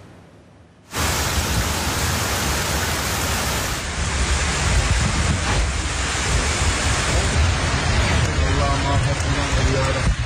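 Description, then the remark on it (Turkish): Floodwater from heavy rain rushes through a street in the town of Gümüşler in Niğde in a loud, steady roar that cuts in abruptly after a brief quiet moment, with faint voices surfacing beneath the torrent near the end. “Gümüşler beldesinde sokaklar nehre döndü, sular önüne çıkanı sürüklemeye başladı.”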